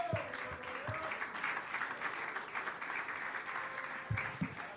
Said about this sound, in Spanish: Gózese, hermano, de la ofrenda de palmas al Rey.